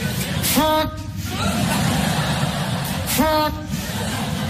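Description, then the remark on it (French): A voice imitates a big car engine revving: two rising, growling bursts about two and a half seconds apart, fairly loud over steady background noise. “Et puis les garçons, ça a des grosses voitures aussi. Oh là là, ma grosse voiture.”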